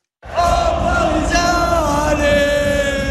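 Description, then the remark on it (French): A large crowd of Parisian football supporters sings a loud, sustained chant together in the corridors of the Puskás Arena in Budapest, many voices holding a steady, slightly wavering melody without a break for the whole stretch. “Il chante dans les coursives de la Puskás Arena.”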